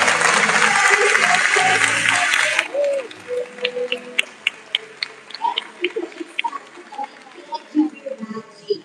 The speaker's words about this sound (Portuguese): Então eu quero pedir uma salva de palmas para você que veio. Palmas para você.